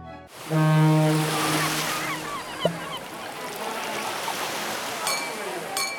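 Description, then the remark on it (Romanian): Steady surf of sea waves breaking on the shore at Constanța fills the whole stretch, a broad rushing wash, with a deep, droning ship's horn sounding loudly near the start. “Ți-am pregătit toate sunetele pe care le iubești. Valurile spărgându-se de țărm”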